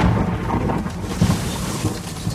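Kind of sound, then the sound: nature, thunderstorm with thunder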